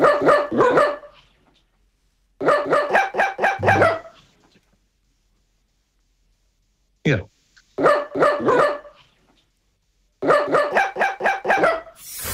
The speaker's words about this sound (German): Okay, hier ist es auf jeden Fall so, dass Hündin Fee einen bekannten HR4-Hit singt. Und wir hören uns den jetzt nochmal zusammen an.